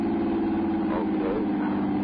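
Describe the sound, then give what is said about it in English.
The engine of a car that won't stop drones steadily at a constant pitch, loud, with a low rumbling hum and no other sounds breaking through. “Help to stop this car. It won't stop it.”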